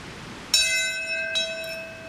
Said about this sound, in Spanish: En el acto conmemorativo sonó una campana a la hora exacta en la que el primer avión se estrellaba contra la torre norte del World Trade Center.